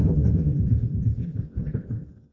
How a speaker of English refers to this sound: But for the past 8 months, their peace has been interrupted by the almost nonstop hum of a nearby data center.